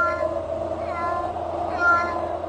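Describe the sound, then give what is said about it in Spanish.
A small white kitten, curled up in a soft slipper, meows several times in close succession, thin, high-pitched cries that rise and fall, over a faint steady background. “Un gatito blanco como la nieve se acurrucaba en la pantufla suave.”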